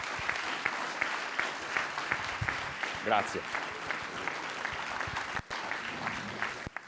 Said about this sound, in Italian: L'applauso si deve sempre fare molto forte, il capo del Dipartimento Nazionale di Protezione Civile, Fabio Ciciliano.